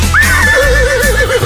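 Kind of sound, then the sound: animal, horse neighing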